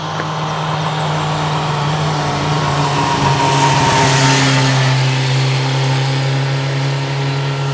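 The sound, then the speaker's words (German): A motorcycle engine drones and revs loudly on a road that is a popular motorcycle route, its pitch holding steady as it swells to a peak around the middle of the pass and then eases off, with no voices. “Eine beliebte Motorradstrecke ist es auch hier.”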